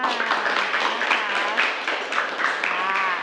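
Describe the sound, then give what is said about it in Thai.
A steady burst of applause from students in a class, applauding a group after its performance: dense overlapping hand claps at a fairly even loudness, with some voices audible beneath it. “ค่ะปรบมือค่ะ”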